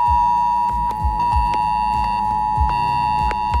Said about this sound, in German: Morgen ist Warntag. Das bedeutet nicht, dass es einen internationalen Feiertag gibt, an dem die Warnung gefeiert wird, sondern ihr werdet gewarnt. Um 11 Uhr könnt ihr euch auf ein schrilles Handyklingeln gefasst machen. Das klingt etwa so.